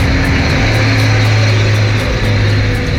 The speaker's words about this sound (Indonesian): Ada truk gandeng bermuatan tebu. Terlalu macet ini, sudah hampir 3 menit rambat.